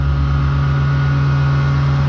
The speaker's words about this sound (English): That's some of the noise that has been greeting people on Holloway Road as Wellington Water wades into up to 22 nights of wastewater pipe work this month. Residents have been told the noisiest tasks are to be finished ahead of 11 o'clock each night.